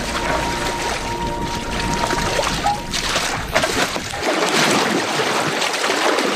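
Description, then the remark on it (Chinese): Mare's milk sloshes and churns steadily in a bucket as it ferments, with lactic acid bacteria producing carbon dioxide and dense bubbles. A continuous swishing and splashing with a low rumble underneath that drops away partway through. “上下翻涌的奶桶中，乳酸菌代谢产生二氧化碳，泛起绵密的气泡。”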